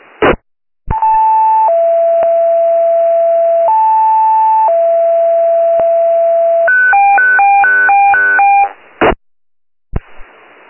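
Radio dispatch stand-by alert tones, sent before a standby request for a scene flight to a scene in Bayan County, Tennessee: long, steady electronic tones alternating between two pitches, then a quick run of rapid beeping tone pairs, bracketed by sharp radio clicks. Loud, tinny and transmitted, with no speech.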